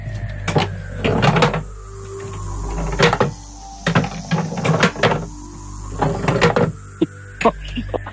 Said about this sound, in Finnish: Varmaan haluan kolisteluja, koska tämä on vaimon juttu. Mä en oikein tiedä, niin kääntelekää sillä lailla varovasti sitä laatikkoa. Varovaiset kolistelut.